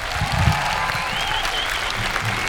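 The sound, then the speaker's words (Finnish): Steady audience applause for the performer's band, dense and continuous with a broad hiss of many hands clapping, holding an even loudness throughout without voices standing out. “Antakaa iso käsi vielä mun upealle bändille!”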